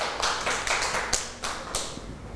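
A small group claps their hands in quick, uneven applause, with several sharper individual claps standing out against a dense patter, fairly close and moderately loud with no talking.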